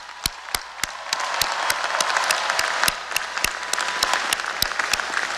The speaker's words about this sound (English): Families here and far who constantly sacrifice so much for us, thank you. Can we give one big round of applause to those here today?